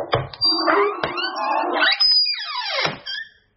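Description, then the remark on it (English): A door-opening sound effect: a door creaks open in a long, wavering squeal, punctuated by a couple of sharp clicks and knocks early on, fairly loud with no talking. “So let's open up the first door. Who's behind the secret door?”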